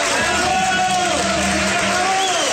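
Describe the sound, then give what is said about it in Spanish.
A crowd applauds and cheers loudly for a couple of seconds, steady dense clapping mixed with voices and shouts, with no pause in the noise. “¡Aplausos, aplausos para el negrito!”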